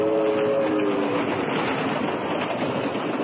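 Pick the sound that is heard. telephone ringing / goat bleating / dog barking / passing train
passing train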